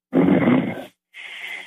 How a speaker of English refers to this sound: He's sleeping. You can hear him snoring in the background, Dr. Randy.